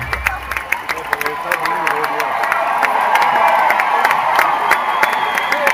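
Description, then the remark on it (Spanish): A large crowd at the Movistar shouts and cheers continuously for a performer, a dense roar of many voices with sharp claps and whistles cutting through, swelling slightly louder toward the end. “Y ahí empiezan los gritos a él.”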